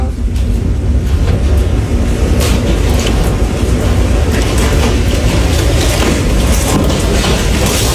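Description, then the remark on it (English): A tornado outside a house roars like a freight train: a loud, steady, deep rumble with a heavy low end and gusty hiss on top, continuous throughout. “You say it sounds like a freight train, and that kind of sounds like a freight train.”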